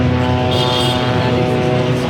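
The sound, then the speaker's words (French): A steady, droning buzz of drones hangs overhead without pause during a funeral, dense and moderately loud, with a faint whine layered above the continuous hum. “Et ici, sur place, on entend un bourdonnement de drones incessant au-dessus de nos têtes.”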